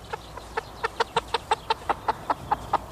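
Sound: chicken clucking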